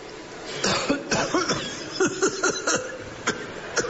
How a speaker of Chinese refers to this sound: 你的身体怎么像真的呀？哎呀哎呀， 你看有血。我这没有，我不能真咳出血来，我死这儿了一会儿。